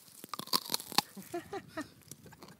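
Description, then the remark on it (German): Several sharp crunches as someone bites into a crisp fresh vegetable grown by a solidarity agriculture community, not a supermarket product, followed by softer chewing and a faint murmur of voice, fairly quiet overall. “Schön, darf man da reinbeißen? Ich beiß da mal rein und probiere.”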